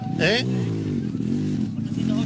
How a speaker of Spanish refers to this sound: Hay una moto. Acá, ¿quién está subiendo acá?